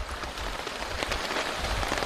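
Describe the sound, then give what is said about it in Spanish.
Steady rain patters densely onto a taut tarp being put up in the rain, a continuous hiss of drops with faint irregular taps, and no voices. “El desafío es secar la mayor cantidad de cosas lo más rápido posible mientras ponemos la lona bajo la lluvia.”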